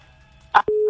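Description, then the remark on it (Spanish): A brief burst of line noise, then a steady, loud electronic busy tone begins and holds after a caller's phone call to a radio programme drops. “No, se le cayó la llamada.”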